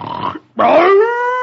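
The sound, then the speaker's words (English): Brer Bar's snoring is interrupted after Brer Rabbit shakes wake-up powder onto his belly: a rough, breathy snort bursts out, then after a brief pause a loud, sustained grunt follows, its low pitch swelling and then holding steady for about a second. “Now everybody keep quiet and let Brer Bar do his grunting.”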